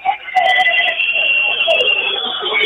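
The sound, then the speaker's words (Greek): A basketball crowd lets out loud, continuous shrill whistling as Payne prepares for free throws in the fourth period, many overlapping high-pitched tones wavering and sustained throughout with no break, over a dense murmur of arena noise. “Και αρχίζουν τα σφυρίγματα φυσικά.”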